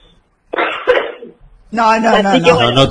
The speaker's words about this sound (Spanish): Yo no me puedo reír mucho porque empiezo a toser.